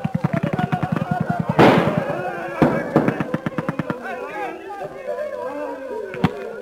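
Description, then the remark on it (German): Gunshots crack in rapid, rattling bursts as an explorer commands a volley of fire at the enemy, broken by one heavier blast, then another quick volley before fading under excited voices and a final sharp pop. “Der Forscher kommandiert, legt an und Feuer! Hei! Es blitzt und knallt.”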